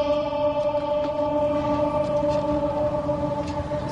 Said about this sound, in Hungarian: Van itt egy kis ablak, ahol be lehet egyébként kiabálni, nem tudom, mennyire adja vissza a mikrofon. Hát, mindjárt kiderül. Igen, tehát a rácsokon be lehet kiabálni, azért már van ennek most is visszhangja.